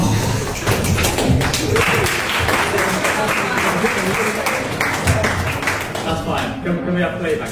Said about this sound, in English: Yeah, well, there were so many of them. So mutual applause is, I think, quite in order.